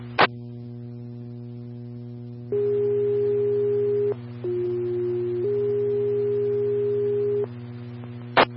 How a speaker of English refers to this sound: Farmington Engine 4, tones for heart problems at 1512 North Carlton Avenue, 1512 North Carlton Avenue.